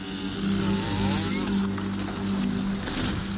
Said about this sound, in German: Eine halbnackte Frau steht mit einer Kettensäge vor einem großen orthodoxen Holzkreuz und sägt es kurzerhand um.